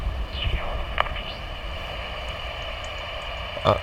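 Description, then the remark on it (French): Calls of a flying bat through a bat detector during a bat survey in the Brussels region: steady electronic hiss with a few faint chirping sweeps early on and two sharp, dry clicks, one near the start and one near the end. “Il y a une chauve-souris qui vole là, mais elle est peut-être trop loin.”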